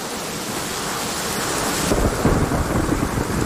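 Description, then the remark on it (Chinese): Heavy rain pours in a steady, dense hiss during a mountain thunderstorm while a deep thunder rumble swells midway and rolls on, thickening the low end. No voices. “降温、阵风、暴雨、大雪，以及强烈的雷暴，都会给飞行带来危险。”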